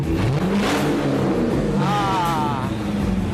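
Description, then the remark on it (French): A race-modified Corvette engine revs loudly as the car is loaded onto a truck for transit, its deep rumble rising and falling in pitch through a couple of throttle blips over a constant roar. “Une Corvette transformée pour les courses automobiles.”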